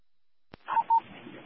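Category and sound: signal or alarm, telephone keypad dialing tones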